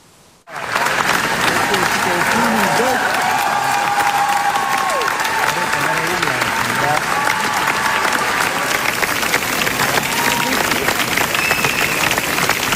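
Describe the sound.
Sustained, dense standing ovation from a large audience fills a hall after the world premiere of Cristian Mungiu's film Fjord at a festival, starting abruptly and holding steady and loud throughout, with scattered voices and faint cheers mixed into the clapping.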